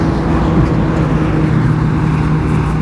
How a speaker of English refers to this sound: A loud motorbike as well, about 5:40 in the morning. This traffic through the night, it's really quite chastening.